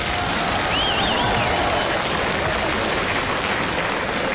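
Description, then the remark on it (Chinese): A large audience claps steadily for several seconds, a dense, unbroken wash of applause, with a brief high whistle-like tone near the start. “哎呀，看见此起彼伏的掌声了？”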